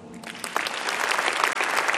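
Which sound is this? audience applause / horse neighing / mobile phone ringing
audience applause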